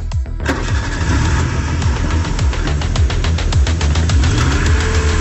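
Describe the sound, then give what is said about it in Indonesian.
A car engine cranks with rapid, rhythmic churning from the starter, then catches and settles into a steady, loud running rumble with no talking. “Ya Tuhan, tolonglah kami. Hidupkan mesin mobil ini.”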